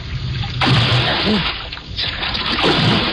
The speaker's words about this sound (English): I ran to the rail and vaulted over into the icy river.